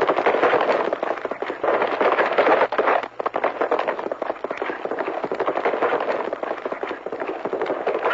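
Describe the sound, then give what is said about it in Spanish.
Horse hooves gallop at a fast, steady pace, a dense, continuous drumming that stays loud for the whole stretch with only a brief dip midway. No voices are heard. “Si no me llevaba tanta ventaja, ni trae mejor caballo que el mío.”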